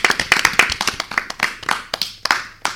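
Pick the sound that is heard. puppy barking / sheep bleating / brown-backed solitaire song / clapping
clapping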